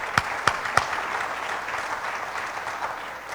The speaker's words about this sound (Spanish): Él bondadosamente nos apoyó con la pintura para el parque y la fachada de la iglesia. Gracias por darle color y vida a nuestra iglesia. De parte de los cofrades, estamos muy agradecidos. Un fuerte aplauso para él, por favor, hermanos.